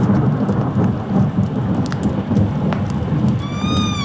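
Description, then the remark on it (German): An approaching thunderstorm rumbles with deep, continuous low thunder while the first scattered raindrops patter and tick sharply over it, fairly loud, with a faint whistling tone near the end. “Mit den ersten Regentropfen eines nahenden Gewitters hörte ich die Schritte meines Schützlings in der Halle.”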